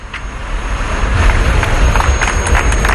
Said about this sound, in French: Sous les applaudissements, les ouvriers retirent les derniers grillages qui séparaient Gibraltar de l'Espagne.